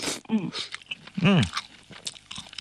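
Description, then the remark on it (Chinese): Crunchy chewing of crispy canned small yellow croaker, whole fish with heads and innards removed and crisp fish bones, with a few irregular crisp bites and short hummed vocal sounds between them. “其实你嚼到嘴里面的话，你都可以感觉我们的鱼骨头的话都是酥脆的。”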